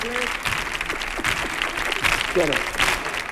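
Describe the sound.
A crowd claps steadily in a dense, continuous wash of applause, with scattered voices calling out over it throughout.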